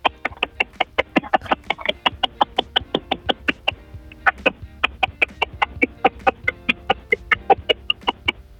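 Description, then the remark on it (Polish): A child claps as fast as possible for ten seconds on a second try, reaching 45 claps: a rapid, steady stream of sharp, crisp claps, about five per second, lasting several seconds with a brief stumble midway and no talking. “A myślisz, że dałbyś radę jeszcze szybciej klaskać?”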